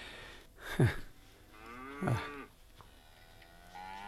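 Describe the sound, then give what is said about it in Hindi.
Two cows moo one after another near a village, each a drawn-out, low bellowing call a little over a second apart, against a faint outdoor background with no talking. “गायों का रंभाना, कुत्तों का भौंकना स्पष्ट सुनाई दे रहा है।”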